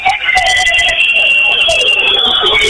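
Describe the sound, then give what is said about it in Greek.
A basketball crowd whistles loudly and continuously as Payne prepares for his free throws in the fourth period, many shrill, high-pitched whistles overlapping and wavering in pitch over a dense arena roar, with no break for the whole stretch. “Αρχίζουν τα σφυρίγματα φυσικά, ετοιμάζονται οι παίκτες για να...”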